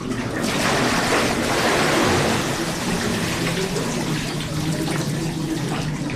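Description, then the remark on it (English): Water sloshes and splashes as four helpers rock a pilgrim back into the cold mountain water of a stone bath, a steady loud rush of liquid that continues for several seconds with no voices. “They say a prayer together, and then, when the pilgrim's ready, the helpers rock him back into the cold mountain water.”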